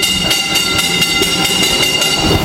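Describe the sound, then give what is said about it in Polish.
An underground mine train rumbles steadily along a track 212 metres below ground, on level four of a mine, called August. A continuous metallic roar and regular clattering pulses come from the wheels passing over rail joints, loud. “Mamy tory, jeszcze jeździ jakiś pociąg?”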